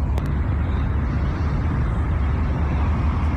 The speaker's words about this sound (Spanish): Bueno, ahí esos son los autos, ¿no?